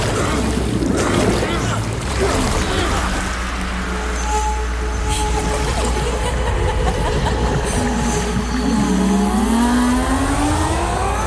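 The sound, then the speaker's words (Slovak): A loud, continuous roar of churning water from a huge whirlpool, deep and rushing, with creaks and strained tones from the ship Argo as its crew rows against the swirling current. “Obrovský vír. Stiahne nás na dno. Všetci k veslám.”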